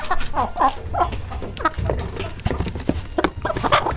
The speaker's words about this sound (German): Okay. Klingt wie so ein Huhn.